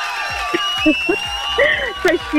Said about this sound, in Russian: Эти аплодисменты тоже для тебя.